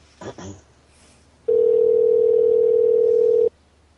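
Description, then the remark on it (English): A steady, loud telephone dial tone drones for about two seconds, a single unbroken pitch from a receiver left off the hook, preceded by a brief murmur of voice and faint handling noise. “She forgot that she picked up the phone.”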